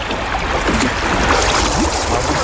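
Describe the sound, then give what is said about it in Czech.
Water splashes and sloshes loudly and steadily, like waves slapping against a small boat taking on water and sinking, with faint voices murmuring beneath the rush. “Pozor! Vylejvejte vodu! Asi se potápíme!”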